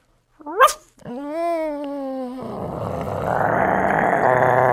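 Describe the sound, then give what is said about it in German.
A person imitates a small dog: a sharp yelp, then a sustained whiny, harmonic howl that turns into a rougher, louder growling noise, all voiced without words. “Ein kleiner Hund.”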